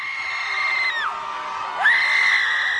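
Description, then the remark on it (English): About 200 people at a Yell Club gathering in Trammell Crow Park, Dallas, Texas, scream together in sustained, overlapping yells outdoors; the screaming dips briefly, then surges back even louder, a dense wall of many voices. “For 20 minutes, about 200 people gathered at Trammell Crow Park and did something most of us are taught not to do in public. They screamed.”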